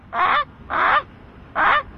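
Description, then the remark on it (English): A person in a Hawks jersey, standing over the highway downtown connector, imitates a Canada goose as a bird call, giving three loud, nasal honks in an uneven rhythm, two close together and a third after a short pause, with no other talking. “And, dude, the dude can do 100 different bird calls.”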